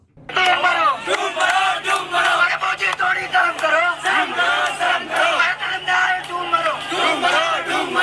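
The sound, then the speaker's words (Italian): Thousands of young protesters marching in Delhi, India, shout in loud, continuous unison, voices overlapping in a steady rhythmic chant that rises and falls without pause for the whole stretch. “In migliaia ieri i giovani indiani sono scesi in piazza a Delhi per urlare il loro dissenso.”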